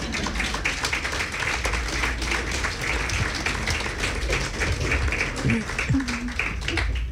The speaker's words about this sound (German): Sie dürfen klatschen, ja.